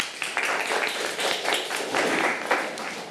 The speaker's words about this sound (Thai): ค่ะอ้าวปรบมือกับเพื่อนทั้งหมดค่ะ